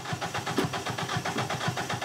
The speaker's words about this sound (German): Ein Starthilfespray. Der Motor springt an.